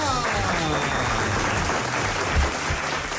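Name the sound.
audience applause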